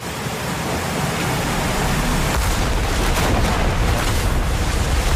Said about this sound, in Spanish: el músico vuelve a Barcelona después de haber triunfado en Nueva York con el estreno de su ópera Goyescas, cuando el barco en el que viajaba... ¡Ay! Es torpedeado por un submarino alemán.